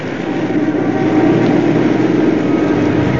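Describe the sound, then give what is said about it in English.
A police car engine runs steadily, heard from inside the car as a continuous, fairly loud rumble and hum with no breaks or speech. “In a police car, Murray's at the wheel with Oscar beside him.”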